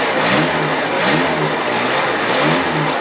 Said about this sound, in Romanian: Trabantul rămâne o curiozitate a tehnicii pe 4 roți, cu o caroserie din materiale reciclate și un motor în 2 timpi, care merge cu ulei amestecat cu benzină.